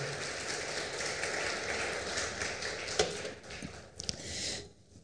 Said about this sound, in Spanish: ¿Cuántos dicen gloria a Dios? Ese aplauso fuerte, por favor.